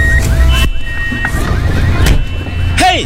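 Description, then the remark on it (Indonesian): A loud car crash sound effect: a low rumbling roar broken by several sharp, crunching metal impacts, ending with a brief high, wavering squeal. “Stop. Aduh, hancur mobil saya.”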